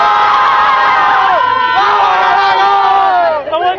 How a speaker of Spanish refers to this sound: Un gol de Paraguay, un gol de Paraguay. ¿Cómo se grita acá sobre el gol de Paraguay? Dale, chicas, vamos, dale. ¡Gol!